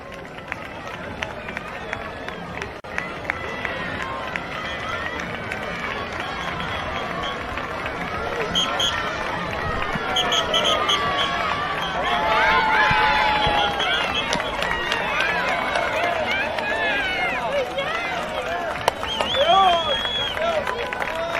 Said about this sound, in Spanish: la vemos ahí, pues entre los aplausos del público, que vamos a intentar escuchar con este sonido ambiente